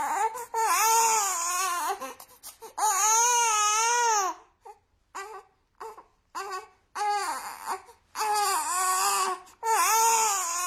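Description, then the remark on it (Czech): A baby cries in long, wavering wails, pausing for short gasping breaths and hiccuping sobs before wailing loudly again, with no one speaking. “3, 2, 1, mimino.”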